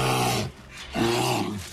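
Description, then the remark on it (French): A bear growls twice in quick succession, two deep, rumbling, throaty snarls, loud, with a brief gap between them, and no voices around them. “L'ours.”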